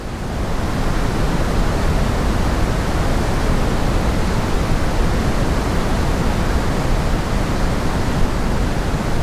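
Steady, continuous pink noise with a deep, rushing quality, heavier in the lows than hiss, holding an even, loud level throughout with no talking.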